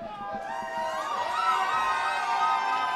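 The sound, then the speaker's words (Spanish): A crowd cheers and shouts together for the band's drummer, a dense wash of many voices with whoops rising over a steady roar, sustained for the whole stretch. “Bueno, quiero que le deis un aplauso especial a mi hermano que lleva un mes tocando la batería.”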